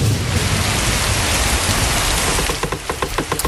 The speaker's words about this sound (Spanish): El cielo se rompe. Empieza a llover como si alguien hubiera dejado el grifo del universo abierto.